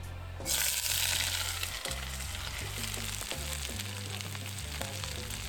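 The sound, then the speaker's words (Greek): Vegetables, including carrot and pepper, hit hot Creta Botanika extra virgin olive oil in a cast-iron wok and burst into a loud, steady sizzle after a brief quiet moment, the bright hiss crackling on with occasional low clunks of stirring; no one speaks. “Με λίγο λαδάκι να σοκάρουμε.”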